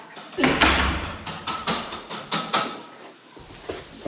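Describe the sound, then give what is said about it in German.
A door is pulled shut with a dull thump and a slide, followed by a run of quick clicks and rattles as it settles, with no voices. “Macht an die Tür zu.”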